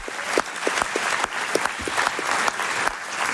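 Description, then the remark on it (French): A festival audience applauds the festival volunteers, clapping steadily and densely, many hands overlapping into a continuous bright patter with a few sharper individual claps standing out, no voices on top. “Aussi, je voulais qu'on applaudisse tous ensemble les bénévoles qui font vivre le festival, s'il vous plaît.”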